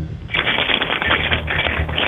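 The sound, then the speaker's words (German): A person grabs a key and jingles it in a kitchen, a continuous rattle for about two seconds, bright and busy with rapid irregular clinks, fairly loud with no voices over it. “Und das beweise uns einmal bitte, indem du dir einen Schlüssel schnappst und einfach mal so rumklimperst mit dem Schlüssel.”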